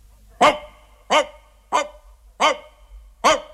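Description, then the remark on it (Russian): A large borzoi at the front of a pack of dogs at a town gate sniffs a peasant carrying meat and barks five times in a steady, evenly spaced rhythm, each bark loud and sharp, with quiet pauses between them and no one talking. “И была впереди всех большая борзая. Она подбежала к нему, понюхала и залаяла.”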